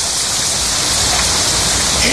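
Steady, dense rain pours down in a continuous loud hiss, unbroken for the whole moment, with no distinct drops or pauses standing out.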